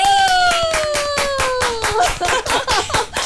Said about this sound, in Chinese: 我喜欢这个掌声，哎， 太有力量了。